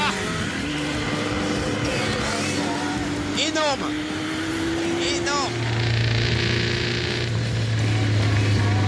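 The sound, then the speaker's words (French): A motorcycle engine runs steadily, its droning hum rising in pitch partway through, while a man speaks briefly over the noise. “Ça me vibre un peu entre les jambes. C'est parfait. Non, communion avec la moto ou pas.”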